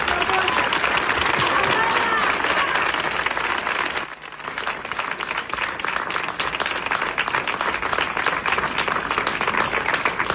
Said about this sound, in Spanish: es un honor que esté hoy aquí, y un fuerte aplauso que le llegará a todos los vecinos de Ceuta.